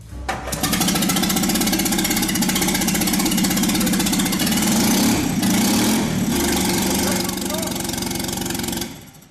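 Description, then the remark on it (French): An AMG car engine, started for the first time in a workshop with its exhaust disconnected and no radiator or throttle control, fires up and runs loud and raw for several seconds with a steady, rough rumble and harsh clatter, then cuts off abruptly. “Même sans échappement, ni radiateur, ni commande d'accélération, ce bloc moteur a l'air d'être solide comme un roc.”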